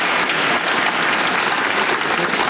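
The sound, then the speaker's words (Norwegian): Steady applause from a large crowd in Stavanger Cathedral (Domkirka) welcoming a new bishop, a dense rush of many hands clapping at once without pause, holding at an even, fairly loud level throughout with no voices standing out. “Men ikke alle klapper like ivrig, for de som er imot at kirka vigsler mennesker av samme kjønn, kunne tenkt seg en annen kandidat.”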